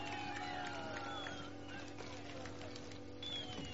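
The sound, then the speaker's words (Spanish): A festival crowd in Urdinarrain, celebrating the town's 136 years, applauds steadily for several seconds, dense clapping blending into a continuous roar, with faint cheers and whistle-like tones rising above it. “Fuerte ese aplauso, Urdinarrain, 136 años.”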